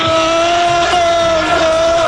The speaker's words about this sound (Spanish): Ahí escuchamos a los, el grito de los seguidores del Liverpool